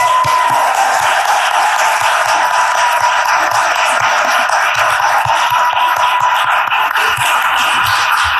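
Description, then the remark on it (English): Sustained audience applause at a city council session, a round of applause for community volunteers who stand to be recognized; a loud, dense wash of clapping that stays steady for about eight seconds with no voices standing out. “and all who are here to support them, please stand so we can give you a round of applause.”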